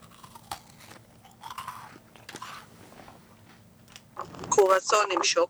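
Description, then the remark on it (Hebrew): Crunchy chewing of a sweet sesame snack, not halva, on air during a broadcast, with irregular bites and crackles that grow louder and denser toward the end, while a voice speaks quietly in the background. “מה את חושבת אני לועס כאן בשידור?”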